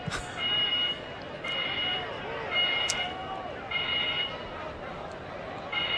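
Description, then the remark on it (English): Fire alarm bells ring in repeated bursts of about a second each, with short gaps, steady and fairly loud over a dense background of crowd noise during a football game. “quickly looking up what these fire alarm bells mean when nobody's answering them.”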